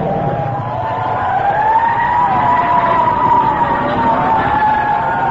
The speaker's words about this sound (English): There comes a fire truck behind us. I gotta pull over.